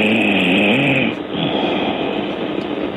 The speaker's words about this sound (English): She's going to snore herself awake by the sound of it. She got closer to the phone. Yeah. Or the snoring got louder, I don't know.